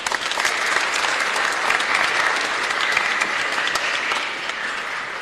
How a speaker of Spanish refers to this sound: Felicidades, aplausos para ellos.